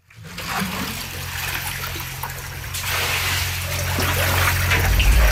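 Floodwater rushes steadily on Jacarandas street in San Jerónimo Caleras after heavy Monday-night rain made the drainage collapse, with a dense, hissing wash growing slightly louder over several seconds, a low rumble underneath and no voices.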